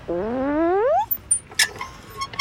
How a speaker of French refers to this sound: il y a les balançoires vertes qui grincent quand Toudou monte dessus.